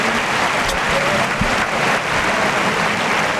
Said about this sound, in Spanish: Gran ovación para Borja Jiménez, que va vestido de rosa y oro y se va hacia los medios.